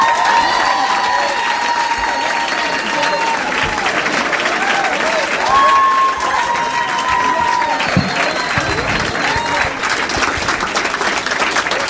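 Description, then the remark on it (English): A large audience at a Saturday night show in Minneapolis applauds steadily as Matt Kirshen is introduced, a dense, continuous wash of clapping with scattered whoops and cheers rising above it, loud and sustained throughout with no pause. “Please make some noise for Matt Kirshen.”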